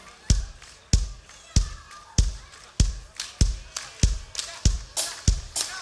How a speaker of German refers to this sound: Es ist nämlich so, normalerweise klatschen wir immer auf 1 und 3, ne? Also so, sie haben es gewohnt zu klatschen. Aber bei dem Song müssen wir auf 2 und 4 klatschen.